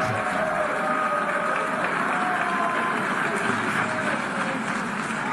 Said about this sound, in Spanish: Benjamín Netanyahu, primer ministro del Estado de Israel. Solicito a protocolo tenga bien escoltar a su excelencia, a quien invito a dirigirse a la asamblea. Esta es la abucheo ya.